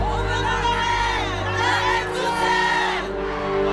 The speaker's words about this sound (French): Il réussit à faire évacuer la foule dans la cour de marbre, qui s'impatiente de voir le roi et la reine.